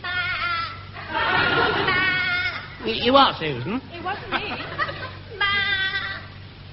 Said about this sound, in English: Oh, of course, the sheep.